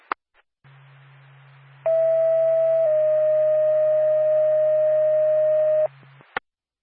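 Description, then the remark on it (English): A Norfolk dispatch alert tone for the Lancaster ambulance: a steady pitched tone for about a second, then a slightly lower one held for three seconds, over a low hum and framed by sharp radio clicks. “Back Lancaster ambulance standby for tone.”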